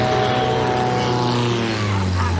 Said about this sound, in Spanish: ¿has visto una avioneta a estas horas? Qué raro por aquí.